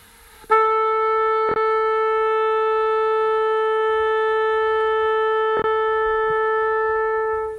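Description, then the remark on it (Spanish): An oboe sounds the tuning note A, one long, steady, reedy tone held unwavering for about seven seconds at a strong, even loudness, with no voices. “Esa es la carta de presentación en todos los conciertos. Es a que le ha sonado, ¿eh?”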